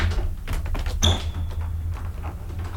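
A wardrobe door in an apartment rattles and creaks open, then bumps shut with a single solid knock and a brief high ring, over a low steady hum. No one speaks.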